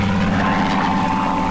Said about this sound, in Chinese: 这飞机绕来绕去的，我总觉得不太对劲儿，心里直发慌啊。